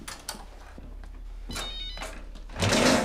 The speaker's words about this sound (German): Das ist mein Handy.